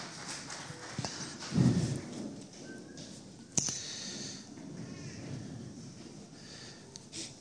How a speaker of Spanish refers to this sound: Denle un fuerte aplauso al Rey de Señores, señores.